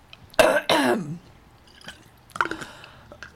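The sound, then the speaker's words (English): A person coughs and clears their throat, two harsh bursts at the start followed by quieter rasping throat noises and small wet sounds. “I have all this stuff in my throat.”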